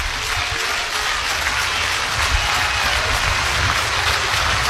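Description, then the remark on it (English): A ballpark crowd roars and applauds in a dense, steady wash of noise that stays loud and unbroken for the whole stretch, with no individual voices standing out, at a Huskers versus SDSU baseball game in Lincoln as the count runs full. “And here comes the crowd.”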